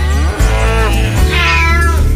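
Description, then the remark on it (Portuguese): A cat lets out a long, drawn-out meow, its pitch rising and bending over a couple of seconds. It's loud, over a steady low hum, with no one talking. “O gato miou.”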